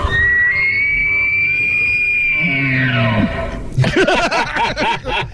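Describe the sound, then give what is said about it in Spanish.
A long, loud, piercing whistle in Silbo Gomero whistled language holds a high pitch, then glides downward. It is followed by a burst of harsh, rising-and-falling animal-like calls. “El silbo gomero.”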